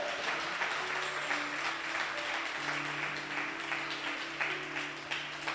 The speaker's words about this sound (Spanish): ¿Cuánto le da un aplauso al Señor por eso?